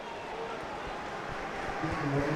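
A crowd of about 8,000 spectators in the stands roars and cheers at a match of Coello and Tapia against Chingoto and Galán, in a dense, continuous wash of voices that swells a little louder toward the end.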